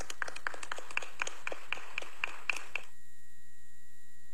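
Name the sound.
applause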